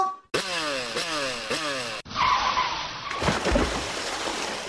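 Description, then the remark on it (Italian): A motorcycle engine revs up loudly in three quick rising bursts, then cuts to a long, harsh skidding roar that fills the rest of the moment, with no one talking. “Ed ora, brum, brum, brum, metto in porto e parto!”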